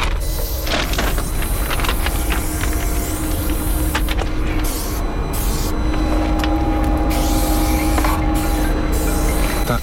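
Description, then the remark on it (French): A security guard's car arrives near train tracks, its engine humming steadily beneath a loud, broad hiss, holding a fairly constant level throughout with a few faint clicks and no voices. “Il arrive en voiture, le sécu.”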